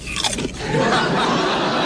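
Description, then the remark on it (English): A sharp crunch as a man bites into a potato chip from his own bowl, followed by a brief stretch of crackly chewing noise with no talking. “she heard Johnny crunch down on a potato chip”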